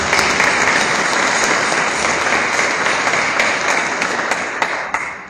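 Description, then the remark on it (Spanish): Loud, sustained applause from a crowd for the parents and godparents, dense clapping filling the whole clip at a steady level and starting to thin out near the end. No one speaks over it. “Fuertes aplausos para los papás y los padrinos.”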